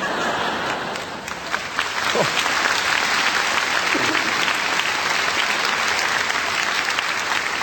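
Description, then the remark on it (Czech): Sustained audience applause fills the whole stretch, a dense, steady wash of many hands clapping, with a brief swell near the start and a faint voice or two underneath. “Vy se smějete, tleskáte”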